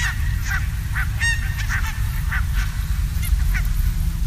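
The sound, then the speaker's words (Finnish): A flock of barnacle geese at Puotila swimming beach in East Helsinki, Finland, cackles steadily, sharp yapping calls overlapping every half second or so, over a constant low outdoor rumble. No one speaks. “Tämä tuttu, hilpeä ja iloinen kaakatus kuuluu Itä-Helsingistä Puotilan uimarannalta.”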